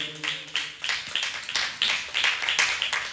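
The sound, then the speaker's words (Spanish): A church audience claps their hands for the Lord in a steady, rhythmic beat, the sharp bright claps repeating about every half second over a dense wash of overlapping hand claps. “Dele palmas al Señor, hermanos.”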